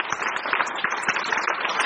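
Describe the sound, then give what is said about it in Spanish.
An audience applauds the Lord together, a steady, dense wash of many hands clapping at an even loudness for the whole stretch, with no voices standing out. “Aplauso para el Señor.”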